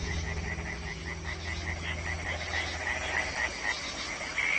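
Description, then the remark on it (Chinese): A dense chorus of European tree frogs croaking continuously on a warm, rainy spring night in mating season, many overlapping rapid calls pulsing together at steady volume, with a low rumble beneath. “他们先是组建了一支小夜曲合唱队，歌声此起彼伏，整个夜空都回荡着他们热情洋溢。”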